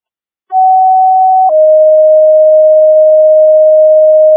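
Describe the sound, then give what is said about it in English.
A two-tone dispatch page from St. Louis dispatch, the third and final page to the Mountain Iron first responders for a medical call: a steady mid-pitched tone holds for about a second, then steps down to a slightly lower tone that sustains loudly for three more seconds, with no voices. “I'm about to do a third page for Mountain Iron.”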